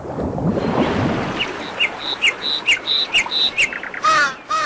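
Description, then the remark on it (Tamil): Paddy field ambience: a soft rushing wash gives way to a bird's bright, repeated chirps in a steady rhythm, ending in a few harsher, raspy squawks. No one speaks. “வயக்காடு.”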